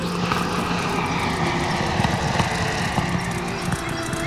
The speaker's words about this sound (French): Henri lève les yeux. Quatre aéroplanes s'approchent de la terre.